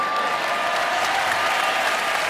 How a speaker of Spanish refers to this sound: Es fantástico escuchar esos aplausos que piden. La última, la última.